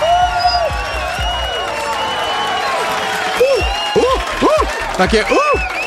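A crowd applauds and cheers steadily and loudly, with excited whoops and shouts rising over dense clapping for the whole stretch.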